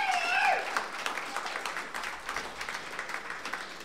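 An audience breaks into sustained applause for a band's performance in the first half of a show, a dense patter of many hands clapping that stays fairly loud throughout, with a brief whistle or cheer rising at the start.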